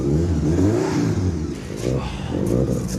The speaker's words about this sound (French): Le plus important, est-ce qu'elle démarre? Évidemment. Alors vas-y, démarre-la. D'accord. Ça fait des jours que j'attends ça. Le moment où je vais entendre rugir ce moteur.